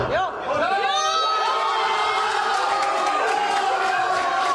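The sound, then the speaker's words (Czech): A loud crowd of football fans in a pub family club in Dolní Němčí, Slovácko, erupts in cheering early in the morning after Krejčí's headed goal puts their team ahead, many voices shouting and whooping together in a sustained, roaring burst of celebration. “Nejdříve po Krejčího vedoucím gólu hlavou vytryskl na Slovácku velikánský gejzír radosti.”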